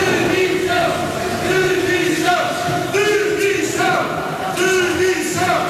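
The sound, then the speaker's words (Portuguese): A loud crowd protests outside the hall at the Fórum Romeu Correia in Almada, interrupting a speech by mayor Inês de Medeiros. Many voices chant "demissão" (resignation) over and over in a steady rhythm, with no pause in the din for the whole stretch. “Ainda antes da discussão da moção de censura, uma intervenção da Presidente de Câmara, Inês de Medeiros, foi interrompida por sonoros protestos fora da sala, no Fórum Romeu Correia, em Almada. Algumas pessoas gritaram demissão.”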